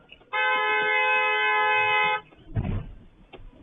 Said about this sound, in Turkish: Sonradan savcı olduğu öğrenilen sürücü de defalarca kornaya basarak minibüs sürücüsüne tepkisini gösteriyor.